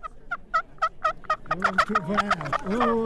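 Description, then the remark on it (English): Turkey gobbling made with a handheld turkey call at a firehouse in Vermont: a run of about six evenly spaced, clucking yelps, then a fast, rattling burst of gobbling that fills the last half, loud and without talk. “That's what you do when you want to gobble.”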